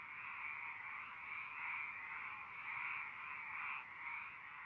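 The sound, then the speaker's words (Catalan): A dense, continuous chorus of frogs croaking together, steady and fairly loud with gentle swells in intensity, filling the whole stretch with no voices present. “Des de notar l'absència del cant de les granotes en alguns indrets urbans”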